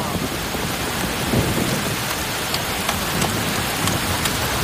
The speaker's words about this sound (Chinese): 是 啊， 但是雨下这么大，开快 啊！